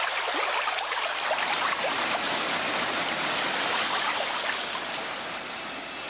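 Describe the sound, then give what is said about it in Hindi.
A powerful, continuous roar of a heavy flood of water rushing down from the mountains as glaciers melt, like a torrent pouring downhill, loud, with no voices, easing slightly toward the end. “साथियों, पेड़ कटे तो गर्मी बढ़ी, गर्मी बढ़ी तो पर्वतों के ग्लेशियर पिघलने लगे और फिर पहाड़ों से जल का भारी सैलाब नीचे की ओर आने लगा।”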